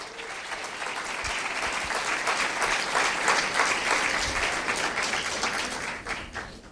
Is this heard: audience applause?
yes